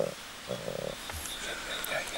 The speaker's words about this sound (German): Schneeleopard Nummer 2 beim Impftermin. Ist deutlich langsamer und da sind die Atemgeräusche unabhängig davon. Da sind auch so Geräusche, aber das ist die Atmung.